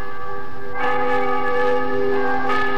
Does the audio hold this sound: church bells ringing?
yes